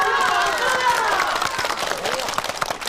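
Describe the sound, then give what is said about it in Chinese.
An audience in Changle Village applauds after an announcement that quarterly tourism revenue rose 35 percent, with dense, steady clapping that lasts about three seconds and a few raised voices mixed in near the start before the clapping thins slightly. “鼓掌！”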